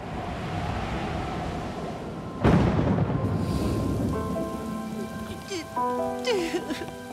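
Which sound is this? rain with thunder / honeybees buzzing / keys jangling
rain with thunder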